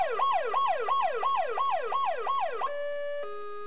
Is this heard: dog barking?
no